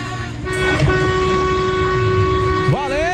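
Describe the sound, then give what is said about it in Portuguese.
Vehicle horns blare in long, steady, overlapping tones over a low rumble as people honk their car horns in celebration, with a brief burst near the start and a horn that swoops upward in pitch at the end. “Um abraço, ó, oh, povo buzinando, fazendo festa com a gente.”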